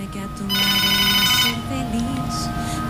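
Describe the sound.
An incoming WhatsApp call ringtone rings loudly and steadily for about a second, its bright, sustained tones standing out, while a person talks in the background throughout.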